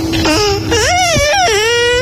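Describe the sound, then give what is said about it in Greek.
A high-pitched voice babbles in baby talk, with sing-song, wavering syllables over about two seconds, fairly loud. It sounds like a person imitating a baby's babble rather than real speech. “πρέπει να στείλουμε κάτι ευχές, αλλά πρέπει να τα πεις και στα μουρουδίστικα, μήπως ακούει κάποιο μωρό.”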